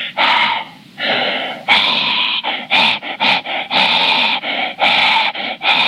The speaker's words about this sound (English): Gee, Stanwood, what was that? I don't know. I think maybe someone put their dog on the phone or something. I know a new show can't be too picky, but please don't call and put your dog on the phone.